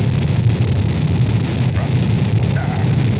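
A continuous, heavy roar of the five Saturn V rocket engines at liftoff, building up to 7.7 million pounds of thrust, thick with deep rumbling low end and steady at full loudness throughout, with a rough, crackling texture and no voices.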